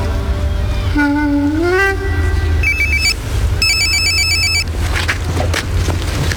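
A telephone rings with bright, trilling electronic tones, rising then pulsing in short repeated bursts over a steady low background rumble, fairly loud.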